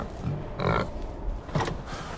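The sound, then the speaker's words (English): Pigs grunt at morning feeding time in a quick, overlapping cluster, two or three rough bursts, with a low snuffling rumble underneath and no one speaking. “Morning, pigs. Ready for some food?”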